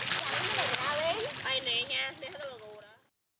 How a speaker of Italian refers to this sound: Manca la benzina per smaltirla, come per pompare acqua nelle case. La si prende allora dove c'è. Ci si lava insieme all'aperto, bambini e cavalli.